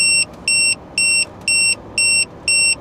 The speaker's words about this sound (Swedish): Så det var inte riktigt samma signal som när det går larm på riktigt. Men det är samma pipljud, men en annan pip.